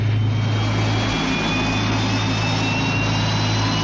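Aircraft engines roar steadily and loudly at takeoff, a deep rumbling drone with a high turbine whine that climbs gradually in pitch over a few seconds, with no voices.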